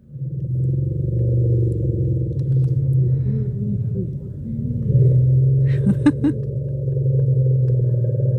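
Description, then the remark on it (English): Several elephants give a contact chorus rumble, a low, overlapping chorus of deep tones layered and sustained for several seconds, with a few brief higher squeaky calls breaking through near the end. “So you actually called one of the sound categories a contact chorus rumble.”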